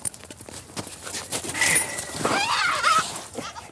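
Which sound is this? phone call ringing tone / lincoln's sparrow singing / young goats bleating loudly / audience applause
young goats bleating loudly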